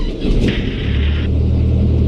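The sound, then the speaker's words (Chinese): The engine of a Xianglong 100 aircraft in a flight simulator spins up with a loud, deep rumble and a rushing hiss that cuts off after about a second, leaving a steady low droning hum. No one speaks. “好，现在就是咱们发动机启动了。”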